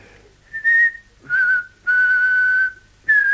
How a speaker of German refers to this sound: Also, fang schon an zu pfeifen. Jawohl, Herr. Zu pfeifen, ja.